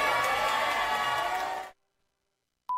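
Loud, steady applause mixed with crowd cheering fills the first couple of seconds, then cuts off abruptly into silence before a short tone sounds at the end.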